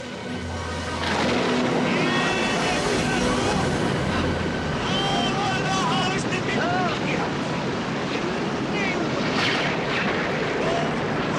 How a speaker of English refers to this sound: One day, Jesus got into a boat with his disciples and said to them, "Let us go across to the other side of the lake." And while they were sailing, a bad storm came up, but Jesus was sleeping.